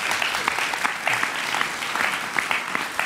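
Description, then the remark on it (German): An audience claps steadily in sustained applause for Peter Kostner of ORF Tirol, a dense wash of many hands with scattered sharper claps standing out, fairly loud throughout with no voices. “Ohren, bitte schön, einen Applaus für unseren Peter.”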